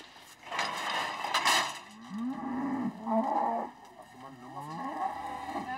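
Angus cattle moo repeatedly, low drawn-out calls overlapping one another at a steady, fairly loud level, with a constant background hiss and no one speaking.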